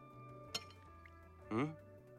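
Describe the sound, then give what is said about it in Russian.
A single sharp, light clink of a fork against a plate as someone listlessly picks at spaghetti with shrimp and then puts the fork down, followed a second later by a short voiced murmur, all over a quiet, steady background hum. “Вяло ковыряется вилкой в спагетти с креветками. Откладывает вилку.”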